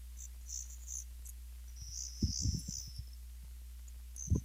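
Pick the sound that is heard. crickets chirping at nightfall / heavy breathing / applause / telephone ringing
crickets chirping at nightfall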